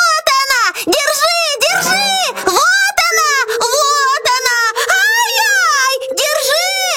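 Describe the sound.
A voice imitates a bear cub's shrill squealing as the cub sees a girl in his bed: a long run of high, wavering wails that rise and fall in pitch, loud and nearly unbroken, with a steady whining tone through the middle.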